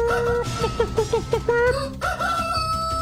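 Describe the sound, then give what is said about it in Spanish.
A rooster crows loudly at 5 in the morning on Olímpica Estéreo radio. A long sustained call breaks into a rapid run of wavering notes, followed by a second drawn-out crow trailing off. “Consiéntame el gallo. Sí, señores, ahí está diciéndoles, es hora de levantarse.”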